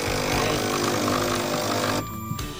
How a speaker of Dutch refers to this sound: Maar vooralsnog, het koffiezetapparaat hapert een beetje hier ook. Oh. Ik denk dat het nog een keer moet. Nog een keer op een knopje drukken.